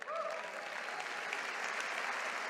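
An audience applauds steadily, many hands clapping in a dense, even roar that holds at the same loudness throughout, with a brief rising vocal whoop at the very start.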